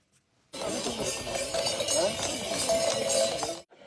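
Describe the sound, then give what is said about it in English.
Horses clip-clop along while the many bells hung around their necks jingle and chime in a steady, busy wash, with faint crowd voices underneath. This is the Chagu-Chagu Umakko Festival in Iwate Prefecture, Japan. The horses carry children on their backs and trot along a 14-kilometer route. “The name Chagu-Chagu is believed to come from the sound of the bells hung around their necks.”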